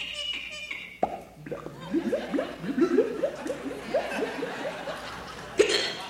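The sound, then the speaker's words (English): A voice mimics a cork being pulled out of a bottle with a sharp mouth pop, then a quick run of bubbly, rhythmic gurgles imitating water gurgling, ending with another short pop. “And water gurgling, you know, when you pull the cork out of the bottle.”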